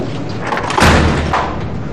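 A door is shut with one solid, heavy thud, fairly loud against a steady background hiss, followed by a short rattling decay.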